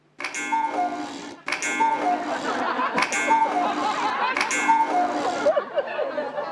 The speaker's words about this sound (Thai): นาฬิกากุ๊กกูดังขึ้นได้ยังไงอ่ะ กุ๊กกูกุ๊กกู